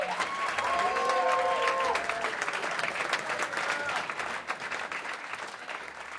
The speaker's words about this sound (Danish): Ja, sådan her klapper altså et yderst tilfredst publikum. De har nemlig lige set og lyttet til … med … og ….